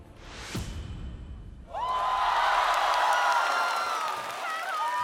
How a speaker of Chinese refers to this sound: 又是一个全场欢呼的名次。